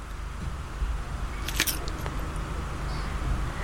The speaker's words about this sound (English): That was a crunching bit. The initial crack is quite important, I suppose. The initial crack.